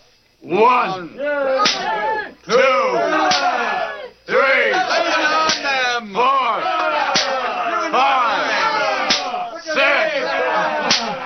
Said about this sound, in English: The officers struck even harder as the mob yelled in approval. The rods struck backbones, ribs, and shoulders.